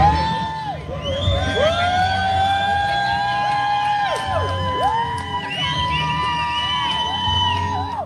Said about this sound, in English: She made history by completing a solo row from California to Hawaii. She rowed on the water 2,400 miles. That's crazy, dude. Here's people cheering for her at the finish line.